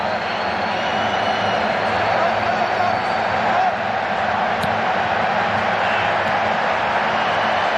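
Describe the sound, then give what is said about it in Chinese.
Stadium fans boo at a Saudi Arabia football match after the team's repeated ineffective possession on one flank, a dense, steady roar of crowd voices that holds at an even, fairly loud level for the whole stretch, with no speech standing out above it. “萨德队在一个边路连续无效的控球，也引起了现场球迷的嘘声。”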